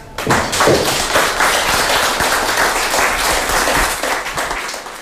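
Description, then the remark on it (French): A crowd applauds steadily for about five seconds at a press conference at Festival Esperanza 2026: a dense, even wash of many hands clapping at once, with a few sharper individual claps and thumps standing out. “Et les gens qui applaudissent, Madame ….”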